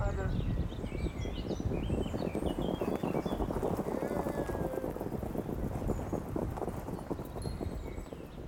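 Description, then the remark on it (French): Several horses gallop past during a horse race at the hippodrome at la Prairie in Caen, their hooves drumming in a dense, rapid, continuous thunder, with birds chirping faintly high above the pounding. “J'habite à la Prairie, c'est vraiment l'endroit où j'aime le plus y être, puisque déjà le matin, des fois quand je me lève, je vois les courses de chevaux.”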